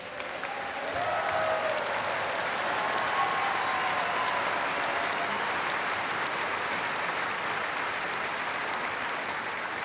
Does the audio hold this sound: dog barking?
no